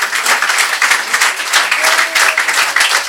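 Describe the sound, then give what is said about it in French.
An audience at a live concert at the Millennium in l'île d'Abo applauds the venue's team steadily, a dense wash of many hands clapping at a constant, loud level for a few seconds, with no voices rising above it. “Et pendant que vous avez les deux mains les unes contre les autres, vous pouvez applaudir toute l'équipe du Millennium, très très fort, qui nous accueille encore pour une nouvelle saison ici.”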